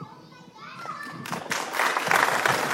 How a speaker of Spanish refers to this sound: No me aplaudan que tan no acabo.